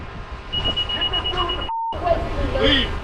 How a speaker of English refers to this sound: So what is that? So he noticed, well, this is some car alarm or something.